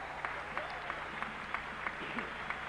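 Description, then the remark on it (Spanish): An audience at a Spanish-language church service applauds steadily, a dense wash of clapping with regular sharper claps about every third of a second, over a low constant hum. “Un aplauso fuerte.”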